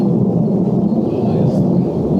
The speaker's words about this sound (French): On entend l'avion. C'est l'avion qui est en train de passer par ici.